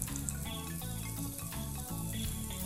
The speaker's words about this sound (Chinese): 就让它煎，然后我们待会再来。我已经有做一点调味了。对， 盐，然后黑胡椒。 对，它已经是熟的啊，所以我们现在煎只是让它多一个香气。